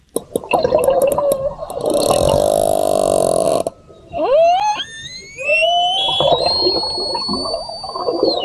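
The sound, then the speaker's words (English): Orca whale calls recorded underwater in the Strait of Gibraltar: rapid clicks and a buzzing pulsed burst, then several rising, squealing whistles with a watery, echoing quality. No one speaks. “The sound of orca, sound of orca whales in the Strait of Gibraltar, where Spanish officials have launched an investigation after the matriarch of a pod of whales known for jostling boats off the Iberian Peninsula has been wounded.”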